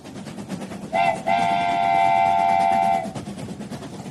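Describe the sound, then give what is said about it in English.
A train whistle sounds twice, a brief toot followed by a long sustained blast lasting about two seconds, over a steady rumble of a moving train. “get ready for a train-tastic ride because we're aboard the Rat Express today”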